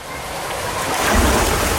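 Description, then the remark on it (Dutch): Steady rushing, splashing water fills the whole stretch, fairly loud, with a heavier low splash swelling up around the midpoint and continuing to the end, from people jumping into cooling water. “Eindeloos springen in het verkoelende water.”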